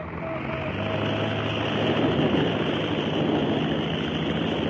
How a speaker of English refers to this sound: For the first time in history, man rose from the water in a heavier-than-air craft when Glenn H. Curtis took off from the Pacific Ocean, circled over Southern California, and settled back onto the sea.